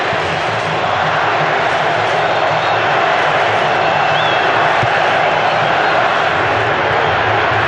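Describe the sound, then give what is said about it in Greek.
A large stadium crowd at a Brazil–Morocco football match chants "Brazil" together, a dense, steady roar of many voices that stays loud and unbroken throughout, with a low murmur of massed singing underneath. “Μπραζίλ, Μπραζίλ φωνάζει ο κόσμος.”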